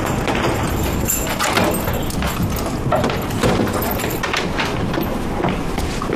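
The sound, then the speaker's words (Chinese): Keys jangle and clink while a police officer works a door lock open with a key, a steady run of small metallic clicks and rattles against a busy background, with no voices. “啊，哎，爸，咱开门了啊。 让警察开，咱们躲远点。 啊，好，来，那您来， 来， 这把钥匙。”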